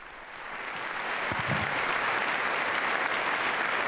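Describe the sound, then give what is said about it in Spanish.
Sustained applause from the members of UNESCO at its Paris headquarters for Pope Leo XIV as he leaves with Director-General Khaled El-Enany, a dense, steady wash of clapping that swells over the first second and then holds loud and even without letting up. “Un largo aplauso de todos los miembros de esta institución que ha recibido al Papa León XIV, que en este momento se retira junto con el director de esta institución, el señor Khaled El Enani, director general”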